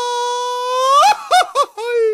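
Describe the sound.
A single voice lets out a mariachi grito: a long, loud, sustained high yell that swells upward, then breaks into a few quick warbling yelps.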